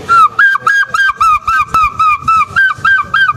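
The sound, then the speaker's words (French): A voice imitates a gull, letting out a rapid, steady string of about a dozen short, shrill, nasal cries at a high pitch, loud and with no talking. “Et un jour j'ai poussé un cri, ce cri de goéland.”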